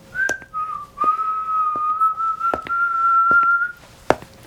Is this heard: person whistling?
yes